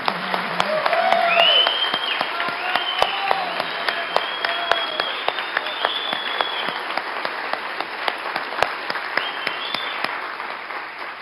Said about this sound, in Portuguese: Mais palmas, mais forte!